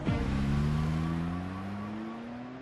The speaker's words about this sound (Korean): 웬 차들이 이렇게 많아?